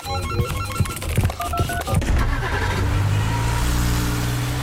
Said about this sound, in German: Und dann hätten wir noch ein Szenario, denn sitzt Mario in seinem Cabrio, hört Radio und tritt aufs Gas, hat Radio Mario im Cabrio Spaß.